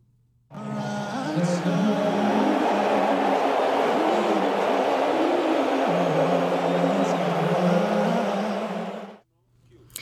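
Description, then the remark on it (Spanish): A large crowd at Madison Square Garden boos loudly and continuously at US President Donald Trump, attending game three of the NBA Finals, a dense, low, droning roar of many voices holding steady for about nine seconds before cutting off abruptly. “Lo que acabamos de escuchar fueron los abucheos que recibió ayer el presidente de Estados Unidos, Donald Trump, durante su visita al Madison Square Garden, recinto al que asistió para presenciar el tercer partido de las finales de la NBA”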